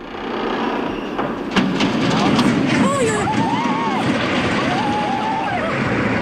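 Steel beams screech in drawn-out, wavering metallic squeals as they bend, over a heavy, continuous rumbling roar as the 106-year-old San Miguel de Arcos bridge crashes down into the river, with a sharp crack early on.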